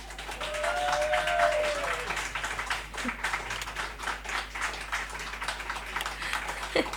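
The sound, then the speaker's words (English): An audience claps steadily for several seconds, a dense, even patter of many hands with a brief rising whistle-like tone near the start. “Wait, the radio audience couldn't hear the claps.”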